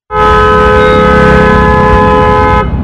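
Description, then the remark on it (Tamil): A loud, sustained vehicle horn blares for about two and a half seconds, a steady harmonic tone over rumbling traffic noise, then cuts off abruptly. “என்னென்ன காது பிஞ்சிடும் போல இருக்கு, இப்படி ஹாரன் அடிக்கிறாங்க பா, கேட்கவே ஒரே கடுப்பா இருக்குனே.”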